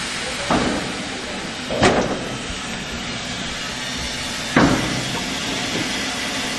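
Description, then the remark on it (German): Two railway wagons of a railway heritage association from Stassfurt being coupled during shunting with a steam locomotive: three sharp metallic clanks at irregular intervals over a steady rumbling background of railway noise. “Die beiden Waggons des Eisenbahntraditionsvereins Stassfurt werden angekoppelt.”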